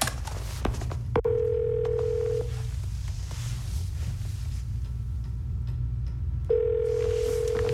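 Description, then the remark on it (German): A telephone call to the Seaport building department over a speakerphone: a few clicks, then two long steady ringing tones separated by a pause of several seconds, over a constant low background hum. “Ich schalte den Lautsprecher vom Telefon an. Dann können wir mithören.”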